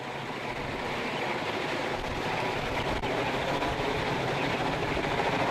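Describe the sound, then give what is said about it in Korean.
A loud, steady roar of an arriving helicopter's rotor mixed with rushing downwash wind gusting strongly and flinging up stones and snow, close by and continuous, with a faint low throbbing underneath and no voices. “드디어 헬기가 나타났습니다. 그런데 휘몰아치는 거센 바람이 상상 그 이상입니다.”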